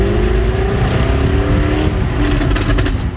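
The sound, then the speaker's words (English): An ultra-rare Jaguar sports car engine, star attraction of the Classic Motor Show, roars loudly and steadily on a tour around Lerwick, its deep throaty rumble rising in pitch with harmonic whine, then a few sharp crackles near the end. “John gets a tour around Lerwick in an ultra-rare Jaguar sports car, the star attraction at this weekend's Classic Motor Show.”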